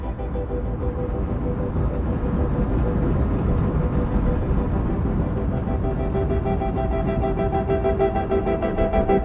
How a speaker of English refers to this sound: Have you ever heard railroad train wheels rolling along the rails, clickety-clack, clickety-clack, and thought how musical they sound?